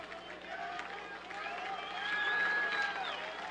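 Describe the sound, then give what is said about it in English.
A large stadium crowd at a baseball game in the top of the ninth inning roars steadily, with the noise swelling louder partway through and holding at a higher level, a dense wash of voices and clapping. “Crowd caught its breath, rested their hands, and now they get loud again.”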